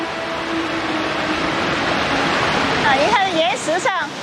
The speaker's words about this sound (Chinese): 感受到巨大的瀑布轰鸣声，甚至有水雾向他们扑来。